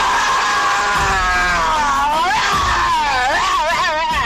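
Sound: person imitating a roar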